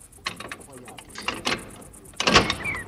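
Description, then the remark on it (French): Several sharp knocks and clunks on the heavy door of a convent, irregularly spaced, with a louder rattling impact near the end, moderately loud. “Mais comme je frappais à la porte du couvent, aussi incroyable que cela puisse être.”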